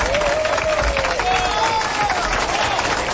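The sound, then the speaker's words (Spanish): An audience applauds Lázaro Cervantes in the audio control steadily for a few seconds, a dense, even wash of many hands clapping with crowd noise mixed in and a faint wavering tone running underneath. “¡Apláudenle, gachos! ¡Apláudenle!”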